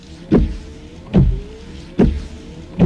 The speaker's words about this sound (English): Give up? It's Rain-X wiper blades. You see, Rain-X is already America's number one brand of wiper blades.